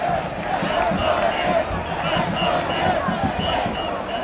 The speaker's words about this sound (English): Down at the very tip of Manhattan Island, the parade is forming and the crowd is already massive and fired up.